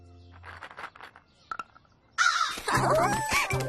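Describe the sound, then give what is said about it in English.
Crows caw loudly and harshly in a noisy cluster while being fed walnuts, starting abruptly after a quieter stretch with faint voices and a couple of brief knocks, the calls overlapping. “Got a special treat for the crows today.”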